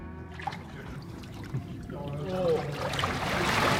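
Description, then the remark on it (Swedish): Water sloshes and trickles around a microphone in a lake, a steady splashing churn that grows busier and louder toward the end, with no voices. “Nu är jag i vattnet med mikrofonen.”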